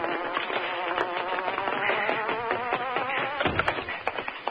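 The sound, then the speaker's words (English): A loud, steady buzzing like a huge hornet stands in for the engine of the Hornet's car, its dense, wavering drone fluttering in pitch for several seconds, then breaking into choppier pulses toward the end. “That's the Hornet's car, I'll tell you.”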